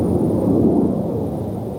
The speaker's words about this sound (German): Am Himmel ist kein Flugzeug zu sehen, dennoch deutlich hörbar das anhaltende Grollen von NATO-Kampfjets, die in großer Höhe üben.